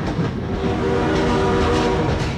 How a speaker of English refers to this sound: encouraging motorists to slow down, look and listen for trains and obey level crossing rules. Ensure you always obey the signs and traffic signals. Slow down. Look and listen for trains before you cross.